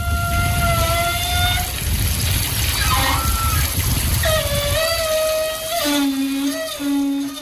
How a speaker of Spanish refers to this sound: Para mí es una ducha del cuerpo de la playa de las Canteras.